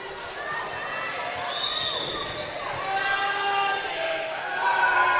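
A volleyball is served and struck during a rally, with a few sharp ball hits ringing through an echoing gym over squeaking shoes and a low crowd murmur.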